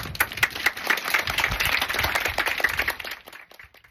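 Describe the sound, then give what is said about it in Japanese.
A crowd at the last sports day of Kitamura Elementary School breaks into sustained applause after the closing address, dense overlapping claps at a steady loud level for about three seconds before tapering off and fading out. “に大きな拍手をしましょう。”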